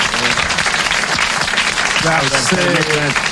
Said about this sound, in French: Vous l'applaudissez très fort. Bravo, l'abbé.